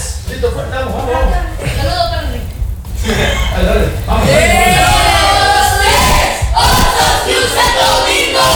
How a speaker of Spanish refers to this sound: Ahora sí, nos despedimos de ahí arriba haciendo el grito. El grito.